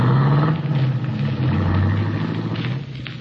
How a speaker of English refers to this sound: In town, you go through the motions of buying what you need to repair the broken fuel line, and then wait as the big guy gets into the limousine and is driven off toward the highway.